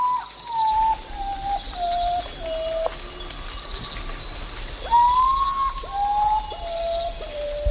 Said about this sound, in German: Und zu diesem wunderbaren Start des Radiokunstfestivals Radio Revolten in Halle möchte ich natürlich auch einen Vogel beisteuern, der mir irgendwie aufgefallen ist im Sinne von seltsamer Lautäußerung.